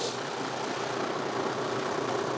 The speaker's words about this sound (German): Bollert da der 6-Zylinder.